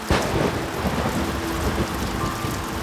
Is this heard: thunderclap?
yes